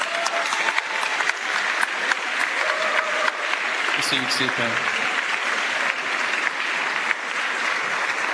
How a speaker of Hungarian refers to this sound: Még egyszer köszönjük az Emmanuel közösség tagjainak a zenei szolgálatot. Még egy nagy tapsot úgy gondolom megérdemelnek.